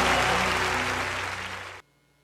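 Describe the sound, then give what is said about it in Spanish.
A crowd claps in a dense, steady burst of applause given to God, which fades slightly before cutting off abruptly, with a faint low hum beneath it. “aplauso a Él.”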